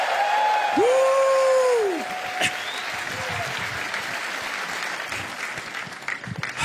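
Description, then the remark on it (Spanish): An audience erupts in triumphant shouting and steady applause, giving a shout of triumph in the afternoon, with a loud rising-and-falling whoop near the start and a sharp clap-like crack, the clapping and cheering continuing throughout. “Alguien péguele un grito de triunfo esta tarde.”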